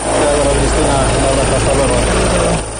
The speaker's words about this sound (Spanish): Y ahí nos quedamos con ese sonido del helicóptero, un sonido habitual en estos momentos.